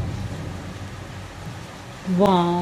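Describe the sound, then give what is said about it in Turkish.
Heavy rain pours down outside in a steady, dense hiss that fills the whole clip, and a voice cuts in loudly near the end. “Felaket yağmur yağıyor yalnız.”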